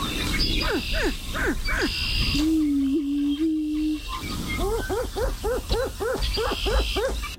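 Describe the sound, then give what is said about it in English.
A Greater Prairie Chicken mating display: loud, repeated falling cackles and whoops, a steady low hooting moan held for about two seconds, then a fast, dense run of yelping calls. “We're going to play the sound one more time here, and then we're going to get you to give us your best version of the Greater Prairie Chicken mating call.”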